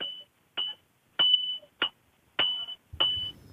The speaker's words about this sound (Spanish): Como con un martillo y hierro. Parece. Ahí está, ¿sí? Muy bien, muy bien. Porque estamos con los ferreros del Mazo Novo